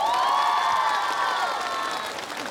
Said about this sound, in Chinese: 所以呢，我们首先掌声给我们的非常优秀的舞者